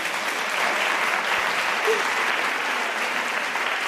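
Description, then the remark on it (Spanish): A crowd applauds steadily, a dense, even wash of clapping that holds at the same loud level throughout with no pauses or voices standing out. “Oye, les damos un aplauso, por favor.”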